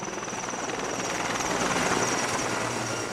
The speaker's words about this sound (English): They have eased slightly, which means helicopters are back in the air, dropping water on the flames.